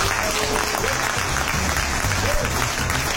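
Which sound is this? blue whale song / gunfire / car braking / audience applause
audience applause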